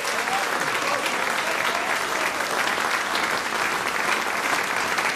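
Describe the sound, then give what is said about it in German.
Steady, dense applause from an audience, a continuous loud patter of many hands clapping with no break for the full five seconds and no voices standing out, honouring the Symphonisches Blasorchester Feldmusik Sarne's Swiss championship title won at the Eidgenössisches Musikfest in Biel. “Und da dafür einfach zuerst jetzt mal herzlichen Applaus natürlich auch noch von uns allen.”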